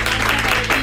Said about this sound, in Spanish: Un aplauso para ella.